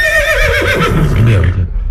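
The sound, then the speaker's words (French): A horse lets out a loud whinny, its shrill wavering cry sliding downward and ending in a rough, snorting flutter over about two seconds, with no talking. “Ah, vous êtes un cheval!”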